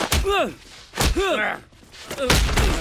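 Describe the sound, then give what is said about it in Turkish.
Three heavy punches land in a fight about a second apart, each a sharp, thudding smack. The first two are followed by pained, rising grunts from a man. “Sen buna yumruk mu diyorsun?”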